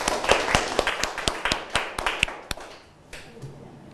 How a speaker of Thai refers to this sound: ครับโอเคปรบมือให้กับเพื่อนด้วยครับ